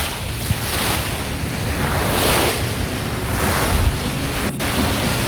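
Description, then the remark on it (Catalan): Continuous sea surf rolls and washes in broad, steady swells, a full roaring wash of waves with wind noise buffeting the microphone. No one speaks. “Posa'm al mar.”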